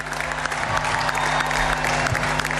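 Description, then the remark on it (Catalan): Steady audience applause for the team's staff and coach Pere Romeu, a dense wash of many hands clapping at an even, fairly loud level throughout, with a faint low hum underneath and no voices standing out. “Un fort aplaudiment, sisplau, per tot aquest staff i per suposat pel nostre entrenador, Pere Romeu.”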